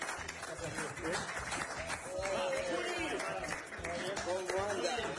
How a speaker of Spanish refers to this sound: Le pongo un aplauso también. Aplauso.